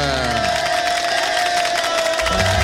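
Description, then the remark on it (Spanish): A burst of crowd applause and cheering for an honoree fills the whole stretch, a dense steady wash of clapping with a sustained high tone running through it and a low rumble at the start and end. “¿Dónde están esos aplausos para la cumplimentada, por favor?”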